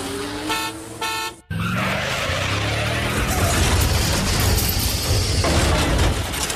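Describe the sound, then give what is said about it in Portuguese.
Busy, chaotic traffic with car horns blaring in quick succession, followed by a brief gap and then a dense, continuous roar of engines and road noise. No one speaks. “Olha, por exemplo, o trânsito. Às vezes anda cada um à sua maneira. Imagina só se não houvesse regras.”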